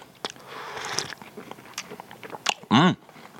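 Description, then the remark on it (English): Slurping of a hot drink from a cup, followed by crunchy chewing of a hard cream-filled biscuit with sharp clicky bites and a brief loud tonal squeak near the end. “Probably the hardest biscuit of the week, these. So they take a bit of dissolving, but they will. Then pick up your cup again. Have a quick slurp.”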